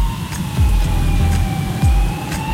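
An ambulance siren passes by in Suceava, a steady wailing tone drifting slightly lower as it goes, over rumbling traffic and repeated low whooshes. No one speaks.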